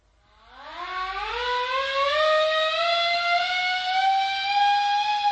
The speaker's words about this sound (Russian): Товарищ Стрижин, сирена на митинг.